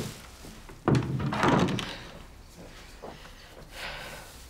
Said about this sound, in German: Und mach die Tür zu.